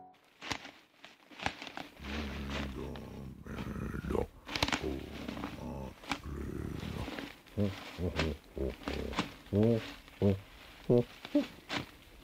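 A bear cub growls and grunts as it walks along a path looking at the ground, starting with a long rumbling growl and breaking into a series of short, moaning grunts that rise and fall in pitch.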